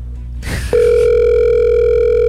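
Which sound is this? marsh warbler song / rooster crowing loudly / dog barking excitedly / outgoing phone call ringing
outgoing phone call ringing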